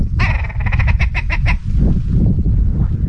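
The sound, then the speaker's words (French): A red grouse flying overhead calls with a rapid, stuttering series of harsh croaking notes that quicken before stopping, over steady low wind rumble that carries on afterward, in an open, bare, wind-battered landscape. “Fiona regarde la grouse qui passe dans le ciel”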